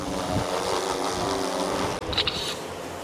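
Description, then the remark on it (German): A drone's rotors whir in a loud, steady, buzzing drone with layered harmonic hum as it takes off to gather data for a 3D model of a glacier lake, cutting out briefly about two-thirds through before resuming with a thin, high-pitched whine. “Steht das Gerät, kann es mit der Drohne losgehen.”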